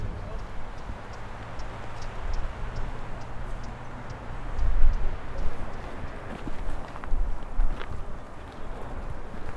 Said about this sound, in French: Alors là, nous sommes à l'extérieur. C'est un ciel très sombre, sans nuages, qui est un temps humide. Il y a un peu de vent, le temps est très très très sombre.